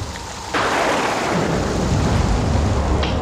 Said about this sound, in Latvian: Paliksim šeit, lai vētra beidzas.